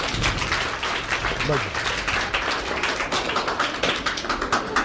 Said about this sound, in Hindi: क्या बात, ताली बजा भाई।